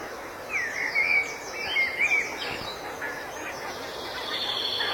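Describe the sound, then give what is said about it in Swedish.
Geese honk repeatedly in a loose overlapping chorus, with calls rising and falling as the flock passes over a steady outdoor background hiss. The geese are flying out to the fields, in an area a little way up from the coast near Morups tånge. No one speaks. “Man hör gässen på mig. På väg ut för att jobba på fälten.”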